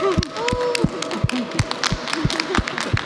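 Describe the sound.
An audience claps, scattered and uneven rather than a dense roar, with individual sharp claps standing out over a murmur of voices and some tonal vocal sounds.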